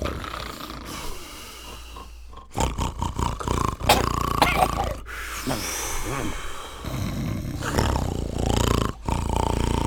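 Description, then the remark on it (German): Four people sitting asleep around a living room table snore at once, their rough, rasping breaths overlapping in an irregular rhythm, some deep and rumbling, others snorting, fairly loud throughout with no talking. “Sie saßen alle um den Wohnzimmertisch und schliefen und schnarchten vor sich hin.”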